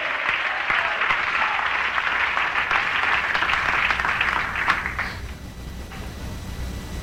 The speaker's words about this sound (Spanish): Dale un aplauso de gratitud a ese Dios.